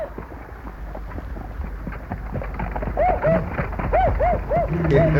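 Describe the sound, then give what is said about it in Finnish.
A dog barks far away in a short run of about five tonal yelps over the steady rumble and clatter of cart wheels rolling along, with a faint voice in the background. “Nyt kuuluu rattaat ja musti haukkuu jo kaukana.”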